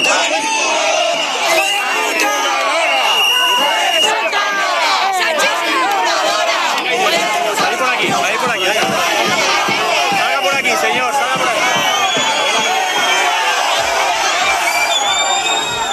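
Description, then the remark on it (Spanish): A large crowd at an anti-corruption demonstration that ended at the gates of the Moncloa chants and shouts together, a dense, loud wall of many voices that stays steady for the whole stretch, with rhythmic bursts of yelling rising above the din. “que han salido a luchar a una manifestación contra la corrupción corruptos, llena de corruptos, llena de delincuentes estaba esa manifestación. Ha terminado en la puerta de Moncloa, que hablan desde la organización.”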